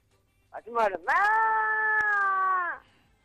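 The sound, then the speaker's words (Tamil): A person imitates a kitten's meow with their voice: a short rising yelp, then one long, sustained, steady mew lasting nearly two seconds, fairly loud, with no other talk. “உங்கள் வீட்டில் இருக்கிற பூனைக்குட்டியும் உங்கள் வீட்டில் இருக்கக்கூடிய பசுமாட்டியும்”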